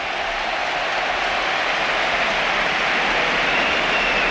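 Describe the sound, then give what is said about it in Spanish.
A large stadium crowd gives an ovation as 19-year-old José Antonio Morante debuts for Betis, a dense, steady wash of applause and roaring that stays loud and even for the whole few seconds, with no voices standing out. “Esta es la ovación.”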